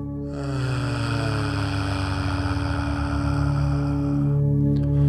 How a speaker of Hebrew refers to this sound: בואו שוב פעם ניקח שאיפה עמוקה עמוקה פנימה, נחזיק את האוויר, נחזיק נחזיק, ונוציא צליל של אה.